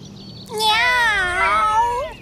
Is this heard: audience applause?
no